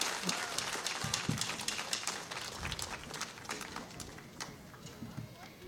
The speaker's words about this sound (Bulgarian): Това са …, изключителни хора. Още веднъж ръкопляскания за …!